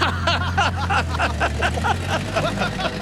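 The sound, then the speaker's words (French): An old car engine runs with a steady low rumble and a rhythmic, sputtering chug repeating several times a second, continuing for a few seconds. “Oh, vous savez, ce modèle, il fait tut-tut. Ah non, Monet, il fait vroom-vroom.”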